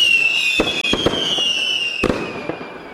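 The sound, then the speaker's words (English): A fireworks sound effect: a high whistling tone slowly falls in pitch while a handful of sharp crackling bangs burst irregularly, fairly loud, with no voices. “Someone said I should make a big thing of it, so I don't know, fireworks or something, I suppose.”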